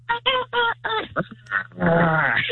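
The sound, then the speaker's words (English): A dinosaur roar: several short, shrill, harmonic squawks in quick succession, then a longer, raspier growling shriek that holds loud to the end. No voices. “And it was dinosaur.”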